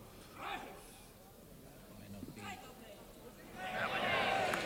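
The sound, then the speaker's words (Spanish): A bullring crowd applauds matador Morante at the close of a series of muleta passes, breaking into applause toward the end, a dense rising wash of clapping that follows a stretch of low murmuring and brief voices. “El público le aplaude a la culminación de esta serie.”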